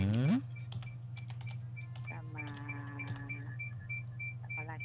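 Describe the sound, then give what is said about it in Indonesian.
Scattered computer keyboard and mouse clicks tap away irregularly over a steady low electrical hum, with a faint high beep repeating in the background. “Klik nih, aku tak on air, sama nggak on air.”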